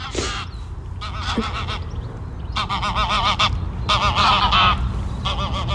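Two geese honk repeatedly in loud, harsh bursts, their calls overlapping in quick succession, with a steady low background rumble underneath.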